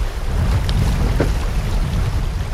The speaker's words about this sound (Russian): Наш плот обгоняют любители сплава на байдарках, вызывая волны, на которых покачивается наше плавсредство. Вода бьется об борт.